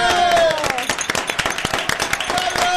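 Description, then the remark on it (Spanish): A crowd breaks into steady, dense applause, many hands clapping at once for a few seconds, with some voices calling out and a tonal hum running underneath, during the Cadena 3 and Familia Parra motorcycle prize draw. “¡Un aplauso!”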